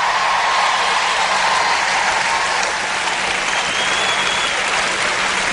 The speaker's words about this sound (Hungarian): Gyerünk, tapsoljuk meg Istent!